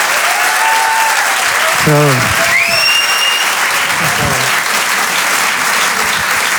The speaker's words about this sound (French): Merci beaucoup. Merci beaucoup. On peut l'applaudir.